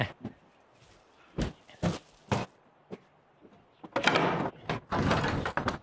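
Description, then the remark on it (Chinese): Several sharp knocks and thuds on a home's front door, then the door is unlatched and swung open with rattling, scraping noise. Nobody speaks. “我去开门，您忙。”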